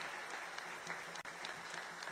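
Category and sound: crowd, audience applauding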